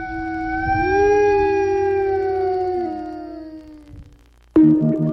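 A single long wolf howl rises and then slowly sinks over about four seconds before trailing off, clear, followed by an abrupt burst of a different loud sound.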